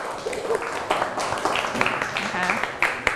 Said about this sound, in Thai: เก่งมากเลยนะคะปรบมือให้ตัวเองอีกครั้ง